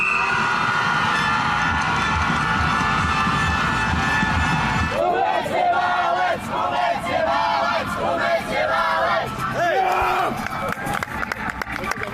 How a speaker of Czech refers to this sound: Nadšení dětí se projevovalo hlavně hlasitou podporou z tribun, nebo bylo evidentní třeba z pokřiku jednotlivých týmů po závodě.